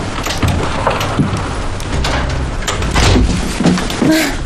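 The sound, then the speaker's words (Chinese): A door is opened amid a flurry of wooden knocks, scrapes and rattles, continuous, with a brief creaking squeak near the end. “快快快，不行了，你慢点开门！”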